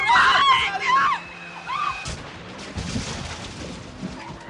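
Loud tire squeal of a speeding car whose brakes have failed screeches for about a second, followed by a sharp crashing impact and a scattered rumble of debris settling, with no voices.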